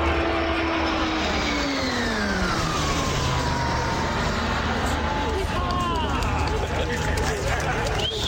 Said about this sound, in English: High-performance turboprop planes can reach speeds up to 685 kilometers an hour. They're going to become the main training planes for RCAF pilots and also the new ride for the famed snowbirds.